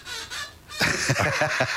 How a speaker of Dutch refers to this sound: Mijn stoel kraakt. Ja, je stoel, ja, inderdaad. Wat is dat voor geluid?